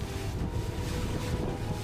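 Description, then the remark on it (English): A lifeboat's small engine drones steadily while strong wind buffets the microphone and water churns around the hull as it crosses high waves after a storm to the trawler Santa Princesa on the Barents Sea, a loud, continuous rush with no voices. “The crossing to the other trawler takes just under 5 minutes.”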